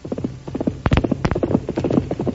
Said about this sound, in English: But on the day after that, Tonto jumped to his feet as the thunder of Silver's approaching hoofs could be heard in the distance.